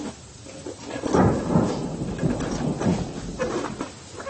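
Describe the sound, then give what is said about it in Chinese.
Low, rolling thunder rumbles steadily throughout, swelling in heavy bursts with a few deeper peaks and a wash of storm noise beneath; no voices are heard. “经营三连的广大兵团战士们，我们一定要抢在暴风雨的前面，打赢这一场攻坚战。”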